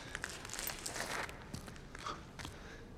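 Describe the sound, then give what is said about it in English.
Slow, careful footsteps crunch and scrape over a rubble pile in an arena as someone creeps up on a kneeling person, a handful of irregular steps, fairly quiet, with no voices. “At the sound of footsteps, Sejanus turns and spots him.”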